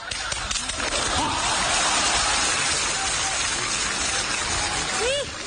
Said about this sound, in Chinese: 好，这大姐这还鼓掌呢